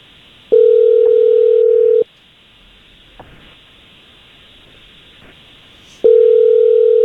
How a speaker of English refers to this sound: We're going to give this Logan guy a call. I just need you quiet on the phone while we call him, okay?